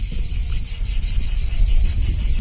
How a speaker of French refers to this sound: Alors, par rapport à Virton, il y a 1,5 degré plus chaud ici qu'à Virton. D'ailleurs, ici, on peut parfois entendre le chant des cigales.